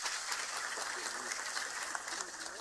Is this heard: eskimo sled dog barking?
no